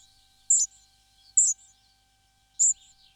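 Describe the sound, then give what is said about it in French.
Three short, high-pitched squeaky notes from a spotted flycatcher, evenly spaced about a second apart, thin and sharp against an otherwise quiet background with no talking. “Ici, on entend le gobe-mouche gris.”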